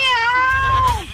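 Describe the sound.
A person imitates a cat with one loud, drawn-out meow, holding a steady pitch before sliding down at the end, over a low background rumble, during a call on Olímpica Estéreo radio.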